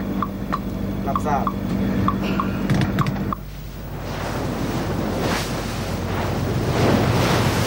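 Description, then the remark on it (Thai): A mackerel fishing boat moving across open water as it reaches Ko Pha Ngan island in Surat Thani province: a steady low engine hum and loud rushing wash of sea and wind, with a few short electronic beeps in the first few seconds. “เมื่อเรือแล่นมาถึงเกาะพะงันซึ่งอยู่ในเขตจังหวัดสุราษฎร์ธานีเครื่องโซน่าก็บอกให้เรารู้ว่ามีบางสิ่งเคลื่อนไหวอยู่ใต้ท้องเรือนั่นเอง”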